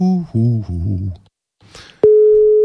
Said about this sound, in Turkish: Dur bakayım. Çalıyor mu telefon?